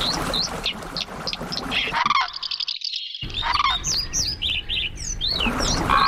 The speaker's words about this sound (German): Ja, das sind sie, die Kandidaten für den Vogel des Jahres 2027.